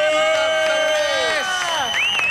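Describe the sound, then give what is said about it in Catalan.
A crowd of radio listeners in Plaça Catalunya, a little way off, cheers with sustained, overlapping shouts and whoops, while scattered clapping runs underneath. Near the end a high whistle-like cry rises above the steady roar. “Bueno, estan una mica lluny, però un aplaudiment per...”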